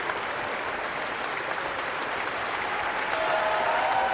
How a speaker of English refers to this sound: Everyone in the audience is on their feet and cheering.